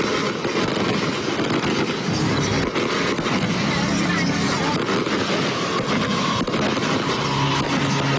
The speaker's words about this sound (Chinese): 哇，现在也想起了我们绚烂的烟花。